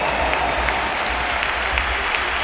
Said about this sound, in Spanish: Se marcha el brasileño que, bueno, ha tenido un partido discreto, pero ha acabado haciendo un gol y un pedazo de asistencia y por eso le aplaude el Bernabéu también.